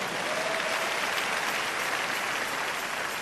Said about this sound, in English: Are you celebrating Jesus? Make that clap better.